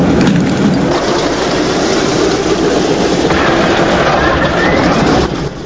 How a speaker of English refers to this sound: The B-17's propellers begin to spin into action, sending out a trail of grey smoke. Inside the cockpit, buttons and switches are pressed and flicked. The plane's engines roar into life.